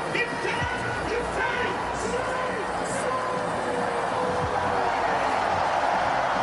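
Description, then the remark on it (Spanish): A stadium crowd of Australian fans at a football match against Paraguay, shouting together in a dense, unbroken roar, with chanted voices rising through the noise at a steady, loud level for the whole stretch. “Y ese es el grito que se escucha de fondo del público australiano.”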